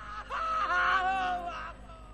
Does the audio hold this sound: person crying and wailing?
yes